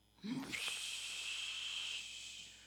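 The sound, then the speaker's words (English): A soft, breathy rushing hiss like the ocean heard in a seashell follows a brief low murmur, holds steady for about a second and a half, then fades out. “It says, I hear the ocean in the shell.”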